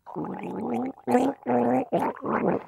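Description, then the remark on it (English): Someone gargles the Australian National Anthem through a mouthful of fizzy drink, producing bubbly, rattling voiced bursts with a wavering pitch, broken into several phrases by short pauses. “Australian National Anthem.”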